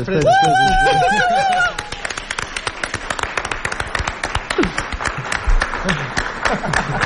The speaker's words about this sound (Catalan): Un aplaudiment per John Wilson. Aquest tio mereix un aplaudiment millor, jo crec.